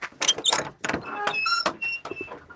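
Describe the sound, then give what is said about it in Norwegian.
A wooden outhouse door is opened at a rural spot with red buildings, grazing cows and mountains, with rattling knocks and clunks followed by a drawn-out, squeaky hinge creak over a couple of seconds. “Men så har du, kan ikke du åpne denne døra her da?”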